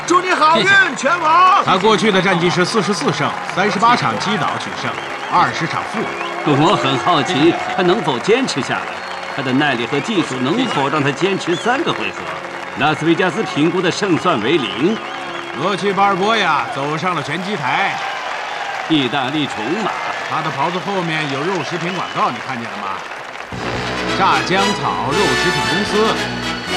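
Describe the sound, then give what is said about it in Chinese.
A large indoor crowd in a boxing arena roars and cheers steadily as the challenger, Rocky Balboa, prepares to enter the ring. A dense wash of voices and clapping, with people talking over it. “我听到了后面的欢呼声”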